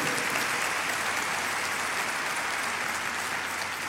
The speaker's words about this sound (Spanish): Así es de que un aplauso para Nuestra Señora, Nuestra Madre del Cielo.